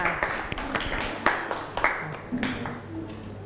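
classroom applause

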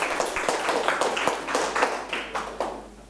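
clapping hands

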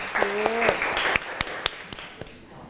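applause

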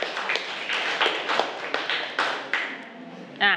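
students clapping

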